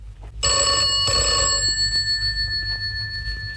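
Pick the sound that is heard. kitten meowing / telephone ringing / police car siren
telephone ringing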